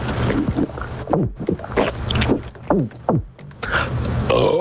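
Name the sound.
burp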